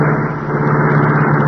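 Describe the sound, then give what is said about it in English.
The engine of a gray car, the Black Beauty of the Green Hornet, roars into life at the press of a button, a loud, steady, throaty rumble with a strong low hum that holds even throughout, with no voices. “The gray car roared into life.”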